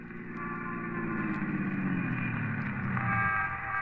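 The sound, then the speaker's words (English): A squad car engine drones steadily and fairly loud throughout, its motor pitch shifting slightly near the end as the car drives on. No one speaks. “We climbed into a squad car and hurried back”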